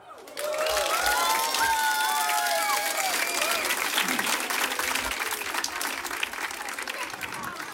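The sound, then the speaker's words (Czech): Loud, dense applause from a large concert audience at Lipno, steady and sustained, with a few whoops and cheers rising above the clapping near the start. “Prosím vás, moje milé Lipno a moji milí posluchači, za to, jak jste vzorní, jak krásně zpíváte, tleskáte”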